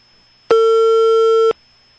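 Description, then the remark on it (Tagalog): A single steady electronic telephone ringing tone, heard from the caller's end on a call to a barangay hall, lasts about one second and then stops. It is clear and fairly loud, with no voices around it. “Nagbagting ang telepono sa barangay hall.”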